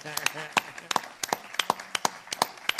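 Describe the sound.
An audience claps in applause, sharp claps falling in a steady, fairly even rhythm throughout, with a voice murmuring underneath near the start.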